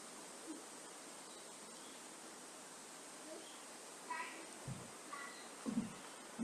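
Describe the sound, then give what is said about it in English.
Steady, full rushing of flowing river water fills the whole stretch, loud, with a few faint chirps and soft knocks near the end. “Let me be like this river, receiving and letting go, flowing with all it's given, happily generous.”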